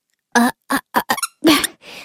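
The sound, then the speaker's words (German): A squeaky toy squeaks about six times in quick, uneven succession, loud, the last squeak longer and breathier as it trails off. No one speaks. “Oh Mann, was quietscht denn hier so”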